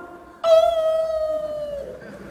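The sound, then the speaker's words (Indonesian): A dog lets out a single long howl, a sustained high-pitched wail that slowly sinks in pitch before fading, fairly loud over faint background noise. “Kenapa kalau azan berkumandang suara anjing melolong?”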